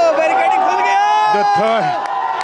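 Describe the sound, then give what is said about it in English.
A crowd of marching students cheers and shouts together in a sustained, dense roar of many voices as they pass through the third barricade, which the Ranchi police let them breach without force, with a few voices rising above the din partway through. “You can see this cheer.”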